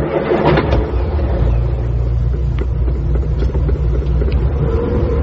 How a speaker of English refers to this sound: The car snorted at them sullenly as they drew away from the house.